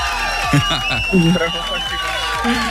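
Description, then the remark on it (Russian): A crowd cheers and applauds for a guest on Europa Plus radio in a steady, dense wash of overlapping voices and clapping that holds at an even, fairly loud level for the whole few seconds. “у нас есть для тебя подарочек. Классная футболка от Европа Плюс, и эти аплодисменты.”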